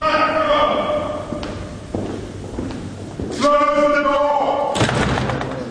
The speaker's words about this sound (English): The whole curious process kicks off with a 350-year-old tradition in which the King's messenger, known as the Black Rod, has the door of Parliament slammed in his face and has to knock to be let in.